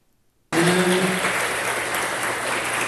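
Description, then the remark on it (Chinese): The audience at a Fo Guang Shan Gangshan Lecture Hall Humanistic Buddhism lecture breaks into loud, sustained applause as two speakers enter, after a brief silence, dense clapping that stays steady and full to the end, with a faint low tone briefly underneath at the start. “两位主讲人在掌声中热闹进场”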